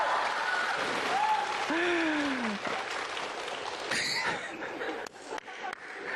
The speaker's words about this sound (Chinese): 你看观众说完了之后，观众对你报以热烈的掌声，这点你比我强。